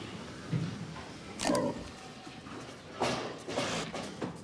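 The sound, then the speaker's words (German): Pigs held in a separate waiting pen, away from their usual stalls, four hours before departure for slaughter: a few short, scattered grunts and squeal-like bursts with scuffling hoof noises against a low background hum, and no one talking. “Wir wollen wissen, wie der emotionale Zustand der Schweine vor der Schlachtung ist.”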